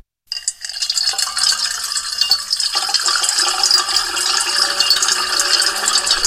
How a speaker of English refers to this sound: And now a little ASMR, water being poured into a metal bowl. Soothing. So it will probably be 7 times as soothing if we layer 7 tracks of water being poured into a metal bowl.